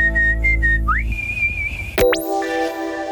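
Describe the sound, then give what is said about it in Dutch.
Someone whistles a short, bright tune: a few held notes, a quick upward glide, then a sharp rising swoop followed by steady tones. Clear and close, with no talking. “Zo kun jij fluitend aan het werk.”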